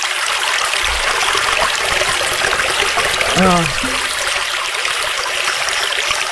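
A steady babbling brook flows throughout, a constant bright wash of trickling, splashing water, with a brief voice-like sound breaking in near the middle.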